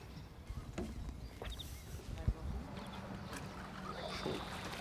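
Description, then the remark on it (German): A small boat without its motor running drifts in to the jetty in a harbour, with soft water sloshes and knocks, a sharp wooden thud midway, and steady wind rush throughout, no engine noise. “Zum Glück erreicht er auch ohne Motor wieder den Steg.”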